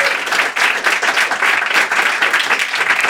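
A crowd applauds steadily, many hands clapping in a dense, even wash of sound that stays loud throughout, with no voices standing out.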